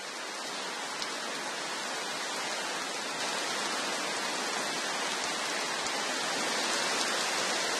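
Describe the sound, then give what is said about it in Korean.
Heavy rain pours down steadily in a dense, continuous hiss, loud throughout with no voices, just an unbroken wash of falling water. “이렇게 엄청난 양의 비는 수많은 개울에 생기를 불어넣으며 흘러가 결국 큰 강으로 모입니다.”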